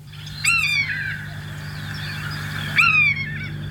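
A common buzzard gives two clear, mewing calls that slide downward in pitch, a couple of seconds apart, over a steady low background hum.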